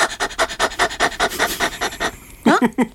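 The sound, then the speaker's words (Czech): A person imitates a dog's panting as a warm-up exercise, with quick, rhythmic breathy huffs, about a dozen in a steady run, fairly loud, followed by a brief burst of speech. “Jo, a taky nejlepší je na rozhýbání, tak je dělat takovýho toho psíka.”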